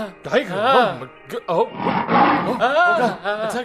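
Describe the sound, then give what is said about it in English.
A human voice imitates an attacking tiger, roaring in several loud, wavering growls and ending in a harsh, breathy roar. “Even more than that, one day when he was with the Guru, a tiger attacked the emperor.”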